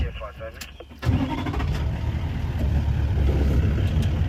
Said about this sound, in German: Früher Morgen im afrikanischen Busch. Der Safari-Jeep startet, gerade geht die Sonne auf.